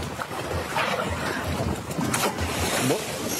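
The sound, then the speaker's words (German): A sailing boat in the Thiessen Race, a regatta of large and traditional sailing ships starting in Kiel, Schleswig-Holstein, cuts through choppy water, with waves splashing against the hull and gusty wind buffeting the microphone in a steady, continuous rush. “Wir hüpfen aufs Boot und zwar beim Thiessen Race. Das ist eine Regatta von Groß- und Traditionsseglern, die morgen in Kiel startet und da am Sonntag auch wieder endet.”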